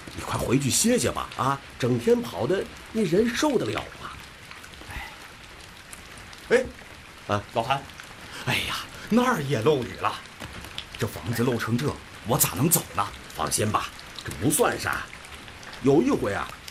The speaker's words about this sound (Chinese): 你看这屋子里面这都漏雨了。哎哎，等一下，等一下，让我拿个盆子接上。